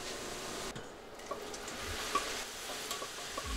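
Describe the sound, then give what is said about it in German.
Minced lamb is seared hard in a hot pan, a dense crackling hiss with occasional pops and the scrape of stirring, fairly loud, no voices. “Das Lammhack für einen guten Geschmack kräftig anbraten.”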